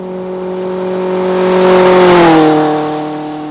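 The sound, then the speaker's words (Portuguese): A car speeds past on a highway, its engine whine swelling as it nears, then dropping in pitch as it passes and fades away. No one speaks. “Belíssimo que a maioria das pessoas preferem passar aqui na rodovia, que em tese seria da vida.”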